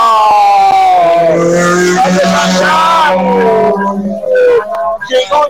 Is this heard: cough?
no